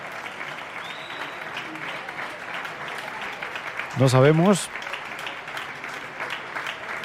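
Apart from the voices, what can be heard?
concert audience applause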